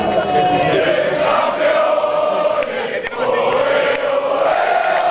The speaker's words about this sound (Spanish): Era el sonido de los jugadores, de todo el equipo técnico aplaudiendo y también trabajadores de la Casa Real. Todos celebrando junto a los reyes, la princesa Leonor, la infanta Sofía.